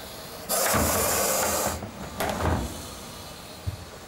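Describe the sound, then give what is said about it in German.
A Gaboon viper, being packed into a box, hisses in two forceful bursts, a long breathy rush followed by a shorter one, like steam escaping from an iron. A faint thump follows, and no one speaks. “Das quittiert sie mit merkwürdigen Geräuschen. Klingt fast wie ein Dampfbügeleisen.”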